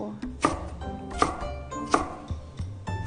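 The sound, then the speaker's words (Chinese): A knife chops through bitter melon on a cutting board, dicing it into small cubes to go with congee, with sharp, evenly spaced thunks about every three-quarters of a second and softer taps between them. Nobody speaks. “好，接下来我们就处理苦瓜和西瓜皮了哈、 然后这个是苦瓜呢，我们就把它直接切， 切成 用配粥嘛，就把它切成小丁儿。”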